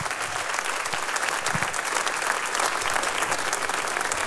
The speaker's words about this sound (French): … et son bel jazz club, vous pouvez les applaudir encore une fois, ainsi que leur guest ce soir, … à la flûte, … au chant et ….